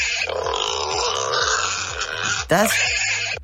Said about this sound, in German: Das sind kleinere Wildschweine. Das sind Schweinchen.